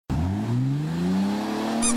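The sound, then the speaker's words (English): A car's tires squeal steadily as the engine revs, the tone sliding slowly upward over about two seconds and staying loud throughout, with no voices present. “Around here, when you hear the squeak, you know you found the best deal.”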